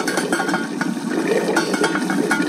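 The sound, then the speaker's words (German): Water bubbling at a rolling boil in a pot for cooking eggs, a steady dense crackle of small bursts and pops, with no talking. “Jetzt kocht mein Wasser hier im Topf und ich zeig's euch nochmal.”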